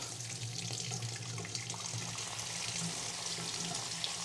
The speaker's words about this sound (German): Heißes Wasser kommt. Ventilisch gangbar, sehr gut.